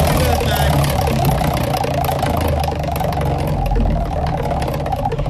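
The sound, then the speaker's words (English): A birthday prize wheel is spun, a rapid, steady rattle of clicks, loud, blending into a continuous whirring over a low background hum throughout; it lands on number 11. “Let's get you a prize from our birthday wheel with Alec the Pom. Spin it.”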